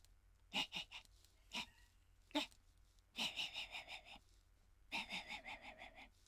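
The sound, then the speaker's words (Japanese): A man's voice mimics a small dog yapping far away, as heard late at night in a residential area: a few sharp, isolated high-pitched yips, then two quick rapid-fire runs of thin barks, all kept soft and faraway. “あ、これはね、深夜に住宅街で遠くから聞こえる、小型犬と大型犬っていうネタがあるんですけど、いいですか、やって、うん、 はい、 はい、じゃあちょっと BGM を消していただいてですね、いきます。”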